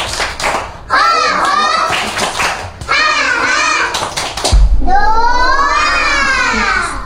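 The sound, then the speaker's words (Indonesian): Children chant in unison while clapping along in a steady rhythm, doing the 'tepuk semangat' spirit clap chant at a kindergarten event, the sharp claps punctuating their high, sing-song voices through several short phrases, ending with a louder, sustained shout. “Coba kita tepuk semangat dulu yuk.”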